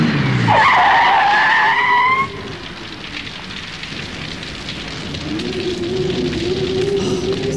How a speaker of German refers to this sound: Ja, da kommt ja noch ein Wagen.